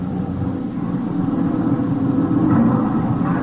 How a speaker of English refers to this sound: Hey, stop this lousy truck for a minute.